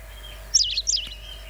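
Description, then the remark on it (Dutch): A white wagtail gives two quick, bright chirping calls in succession, high and thin, with faint background hiss and no voices. “Zullen we even het geluid erbij van de Kwikstaart?”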